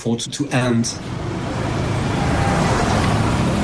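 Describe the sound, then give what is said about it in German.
Steady roadway noise from passing motor vehicles on the streets of Bunia, a continuous engine rumble and hiss, with a voice speaking briefly at the start over the traffic. “Auf den Straßen von Bunia sind viele Menschen verunsichert.”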